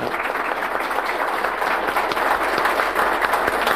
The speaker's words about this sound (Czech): My ještě to podpoříme potleskem dalším.